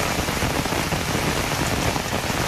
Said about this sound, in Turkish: Ordu'nun Fatsa ilçesinde de sağanak etkiliydi. Cadde ve sokaklarda su birikintileri oluştu.